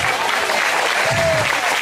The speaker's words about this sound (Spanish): Denle fuertes y aplausos y es para el Señor, hermano. Gloria a Dios.